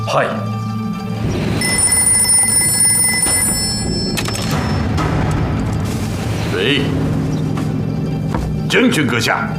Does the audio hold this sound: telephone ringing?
yes